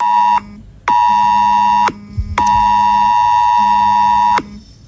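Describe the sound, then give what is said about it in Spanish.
A loud, harsh emergency alert tone blares from a phone in long repeated bursts with brief gaps between them, a steady buzzing electronic pitch with no one speaking. “Suena en el móvil y uno se para. Mira la pantalla, busca los suyos y pregunta qué pasa.”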